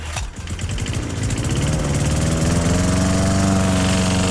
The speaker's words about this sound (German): So, ja, der Rasenmäher läuft.